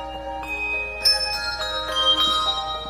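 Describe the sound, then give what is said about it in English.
The Back Bay Quartet handbell ensemble plays a tune, bright bell tones struck in a steady melodic sequence with long ringing overtones layering together, clear with no voices. The arrangement joins a baseball song with another tune. “For the handbell enthusiast, joining the tunes is a stroke of pure genius”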